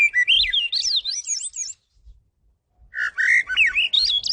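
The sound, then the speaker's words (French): A bird sings in two bursts of rapid, warbling whistled phrases that sweep up and down in pitch, separated by a brief pause, with no voices present. “Quand l'oiseau chante, il répète, il se pratique, il se perfectionne, il devient un meilleur chanteur toujours.”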